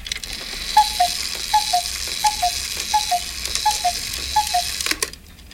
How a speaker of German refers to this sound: Warte mal, das sind Kuckucksuhren.